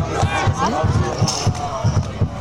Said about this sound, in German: AfC-Fans. Die machen jetzt Musik AfC. Und trommeln, hörst du das?